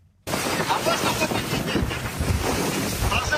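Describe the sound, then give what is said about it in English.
Choppy sea waves slosh and churn around a small Bulgarian border police boat at night on the Black Sea as it approaches a downed merchant ship; a loud, continuous wash of water with wind buffeting the microphone throughout. “A nighttime video shows Bulgarian border police in a small boat in choppy waters approaching the downed ship.”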